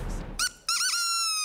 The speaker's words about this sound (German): Und manchmal geht es ganz schnell, nach dem Ertönen der Möwentröte.